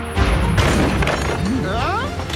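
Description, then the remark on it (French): A loud, roaring thunder crash from a strong storm fills the whole moment, a dense rumbling burst that stays heavy throughout, with some wavering rising tones sliding through it toward the end. “Ah non, cet orage est un peu fort, mais ce n'est qu'un orage.”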